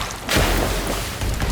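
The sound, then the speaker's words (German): Gunshots strike water with a sudden loud, booming crack, followed by a sustained rushing, churning noise as someone swims away from a jetty. No one speaks. “Schüsse peitschen durchs Wasser.”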